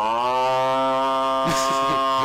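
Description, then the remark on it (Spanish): A cow or bull in the countryside gives one long, loud, low moo that holds a steady droning pitch, then breaks into a rougher, breathy finish near the end. “Porque la vaca, el toro, los pájaros, todo hace un ruido”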